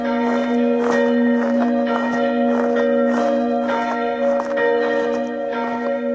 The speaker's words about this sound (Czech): nový soubor zvonů, samozřejmě v návaznosti na zvony, které již umístěné a které zde již zvoní, takže po akustické stránce je změříme a od nich vycházíme a k ním přiřadíme další nové zvony, které budou znít náležitě na svou zvuku s těmi ostatními.